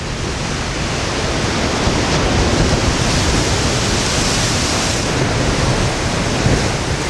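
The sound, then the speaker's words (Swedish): A steady, loud roar of wind and crashing waves fills the whole clip, a dense hiss with no pauses or distinct gusts, and no voices. “Vi hoppas att det inte var en storm som kom”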